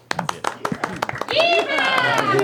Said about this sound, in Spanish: Oye, démonos un aplauso de despedida.